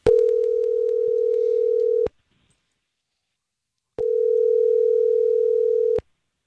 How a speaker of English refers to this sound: About to make that phone call.